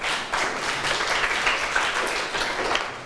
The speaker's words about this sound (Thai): นักเรียนเก่งมากๆปรบมือให้ตัวเองหน่อยค่ะ